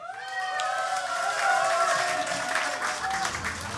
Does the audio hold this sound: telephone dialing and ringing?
no